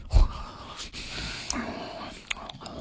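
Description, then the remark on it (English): A voice imitates a dad noisily chewing at the dinner table, with wet mouth clicks, smacks and heavy breathy huffs, a low thump at the start and a few sharp clicks scattered throughout. “It's nothing but mouth noises, heavy breathing, and debris.”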